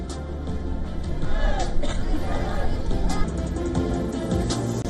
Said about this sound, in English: Greenlanders protest against U.S. President Donald Trump's desire to control the vast Arctic island after the inauguration of the U.S. consulate's new premises in Nuuk. Crowd chants, "We are not for sale."